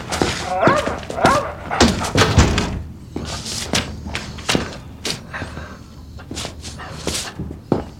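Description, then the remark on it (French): A dog barks repeatedly in short, sharp bursts, mixed with whimpering and some bumping and clattering, with occasional voices in the background. “Attrape le chien.”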